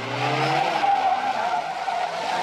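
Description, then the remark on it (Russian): A car's engine whines loudly while its tires screech and skid across pavement, a steady, harsh squeal holding for a couple of seconds as the car reverses after a man on foot. “Машина задним ходом едет за ним.”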